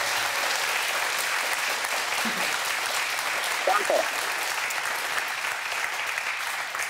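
Steady applause from a group of people in a studio, greeting a caller on the phone: a dense, even clatter of many hands clapping for the full seven seconds, with a brief vocal sound briefly rising above it midway.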